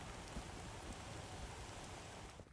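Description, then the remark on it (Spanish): A dense, unbroken hiss of heavy rain and hail pours down steadily near Puebla de Sanabria, Zamora, Spain, where dozens of cars stopped on the hard shoulder. Scattered sharper taps sound in the constant roar. No voices; the downpour stays even until it fades briefly at the end. “Decenas de coches parados en el arcén ante la tromba de lluvia y granizo que ha caído en cuestión de minutos.”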